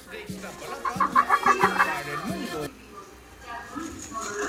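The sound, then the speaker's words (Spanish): A hen clucks in a video, a quick run of short, bright calls for about two seconds, with a low voice murmuring underneath; then only a faint background hum remains. “Oye, mira, me sigue mandando videos de la gallina.”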